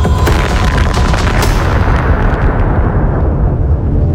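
A massive bomb dropped from a Tu-4 bomber over Totskoye explodes 300 meters above the ground, roaring with a heavy, sustained low rumble, sharp crackling bursts early on, then a deep rolling boom that stays loud and fades only slightly over several seconds.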